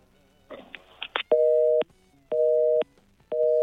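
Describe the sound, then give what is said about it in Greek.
A short burst of garbled line noise and clicks, then a steady telephone busy tone beeping in even on-off pulses, three tones of about half a second each, clear and alone, after the phone line to Savvas Anastasiadis was lost on air. “Ήταν ο κύριος Σάββας Αναστασιάδης, ο οποίος ακούστηκε και μετά δεν ακουγόταν η γραμμή.”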